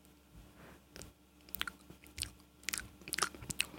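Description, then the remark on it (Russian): Someone chews and bites food with a series of sharp, crunchy, irregular bursts, growing busier toward the end, with no talking. “Кого жрешь?”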